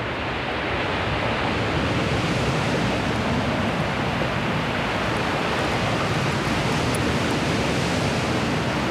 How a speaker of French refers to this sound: Le vent et les vagues se mélangent. Se mélangent si bien.